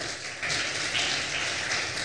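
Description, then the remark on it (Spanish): A crowd claps together as strong applause to the Lord, in a steady, dense wash of applause that swells after a brief moment and holds at a moderate level, with no voices standing out. “Qué lindo, démosle un aplauso fuerte al Señor, por favor.”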